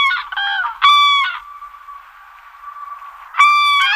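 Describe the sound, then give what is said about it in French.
Loud, trumpeting calls of a crane (the bird) ring out: a quick stuttering burst, then strong bugling notes, a long steady drawn-out tone, and a final loud call, with no voices. “Quand je parle de grue, évidemment, c'est l'oiseau, hein, pas l'engin de chantier.”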